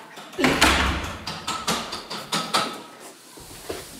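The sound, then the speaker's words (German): A door is pushed shut with a dull thud, followed by a run of rapid rattling clicks and knocks as it settles into the frame; no one speaks. “Macht an die Tür zu.”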